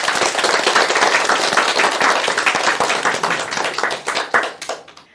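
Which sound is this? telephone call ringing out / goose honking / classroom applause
classroom applause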